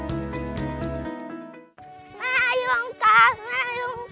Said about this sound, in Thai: ยุงลายบ้านเรามันเยอะลูกฮะ ยุงเยอะแบบนี้ระวังจะเป็นไข้เลือดออกนะคะ